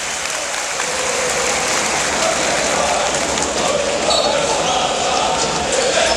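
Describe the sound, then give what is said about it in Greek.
A basketball crowd applauds as Toliopoulos comes into the game for the first time, during an Aris versus Burgos match, in a dense, steady wash of clapping that holds at an even, fairly loud level for about six seconds, with a faint murmur of voices mixed in. “Στον πάκο Δημητρίγεβιτς, μέσα το Λιόπουλος για πρώτη φορά, ο οποίος παίρνει και το χειροκρότημα.”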